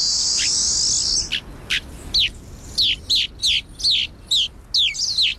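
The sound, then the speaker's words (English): Rosy finch calls: a brief high buzzy note, then a quick series of about eight sharp, downslurred chirps in an uneven rhythm, fairly loud with no talking. “Their preference for extreme environments make Rosie Finch populations difficult to study.”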